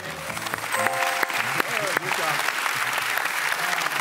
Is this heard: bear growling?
no